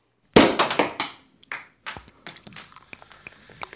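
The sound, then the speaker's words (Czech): A tight cork with a corkscrew stuck in it is pulled out of a bottle, popping with a sharp, loud burst, followed by a quick run of smaller clattering clicks and a faint fizzing crackle that fades away. No one speaks. “Konečně jsme láhev otevřeli!”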